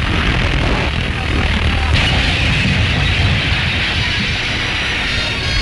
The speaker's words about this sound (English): You can see how the girders have warped under the irresistible strain. And you're going to see the actual collapse. Movietone's cameraman stood by day after day to secure, as it happens, an exclusive shot of the crash. And here she comes.